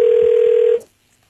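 A steady electronic telephone ringing tone sounds loudly for under a second, then cuts off abruptly into near silence, as a call is placed to a randomly chosen person who submitted the lucky number 58; the call does not connect. No one speaks.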